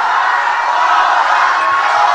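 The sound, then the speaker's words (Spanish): A large crowd shouts and cheers in a steady, loud roar that fills the whole stretch without letting up, a dense wall of voices with no single speaker standing out. “Pero griten más fuerte.”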